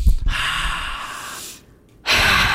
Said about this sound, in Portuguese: É facinho, tá? Respirar. Você vai fazer assim, ó, aqui, ó, aqui, ó, aqui, ó. Faz aí, faz aí. Faz aí, só uma respirada. Faz só.